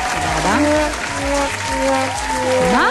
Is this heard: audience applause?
yes